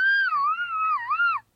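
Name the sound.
traditional Mexican grito yell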